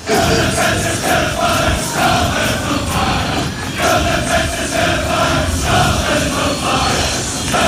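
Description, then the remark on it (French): A large crowd of Scottish football fans, the Tartan Army, some 5000 in the streets of Boston, chants a song in unison, loud and sustained, with rising and falling melodic lines and scattered shouts over a constant roar of voices. “il paraît que c'est la folie écossaise à Boston”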